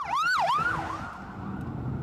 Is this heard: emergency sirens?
yes